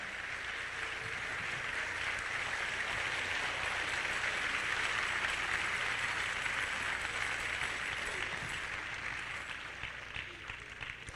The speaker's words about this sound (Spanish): Dele palmas al Rey, bendito su nombre.